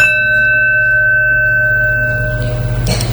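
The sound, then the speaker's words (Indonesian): A school bell rings for the start of class with a bright, sustained metallic tone that lingers and slowly fades, followed by a brief clatter near the end over a low background rumble. “Bel masuk, Pak.”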